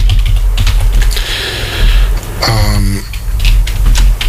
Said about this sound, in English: And the microphone must be, because it's really picking up you on the keyboard.